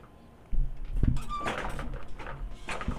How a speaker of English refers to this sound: Clash. Boom. Bang. Like, I know we're just watching an ad right now, but like, it's just construction workers, but it's all